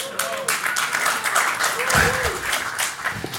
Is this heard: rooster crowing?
no